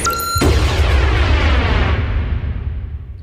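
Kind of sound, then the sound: sound effect, explosion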